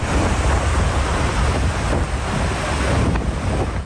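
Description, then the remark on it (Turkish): Steady, loud rushing water with churning waves and heavy wind buffeting the microphone, a continuous roar with no voices: floodwater surging across coastal-strip roads that have turned into lakes, with some vehicles swept by the water toward the sea. “Sahil şeridinde yollar göle döndü. Bazı araçların suya kapılıp denize doğru sürüklendiği görüldü.”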